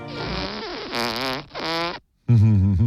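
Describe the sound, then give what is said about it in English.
Several long, buzzy fart noises follow one another with brief gaps, wavering in pitch, the last one loudest and lowest. Loud, with no talking. “Farts are funny.”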